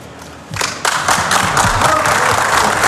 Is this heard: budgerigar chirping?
no